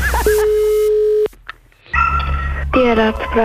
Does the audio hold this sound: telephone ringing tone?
yes